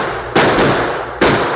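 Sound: gunshot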